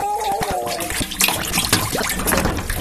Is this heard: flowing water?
yes